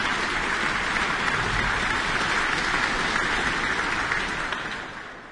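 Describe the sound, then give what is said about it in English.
A concert audience applauds the evening's concertmaster, Vesa Matti Leppänen, in a dense, steady wash of clapping that holds evenly for several seconds before tapering off at the end, with no voices over it. “That applause for tonight's concertmaster, Vesa Matti Leppänen.”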